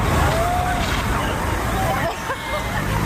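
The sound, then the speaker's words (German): A steady, loud rushing hiss of a police vehicle spraying a fine mist of clean water over a sidewalk onto a lawn for cooling, continuous throughout, with a murmur of crowd voices in the background. “Wir würden jetzt einen Wassernebel rechts über den Gehweg auf die Wiese abgeben.”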